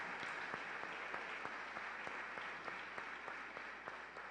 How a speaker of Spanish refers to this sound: Asimismo, recibimos con mucho amor a los hermanos de la Resurrección Gaviotas Norte. Un fuerte aplauso, que vienen acompañados de su párroco.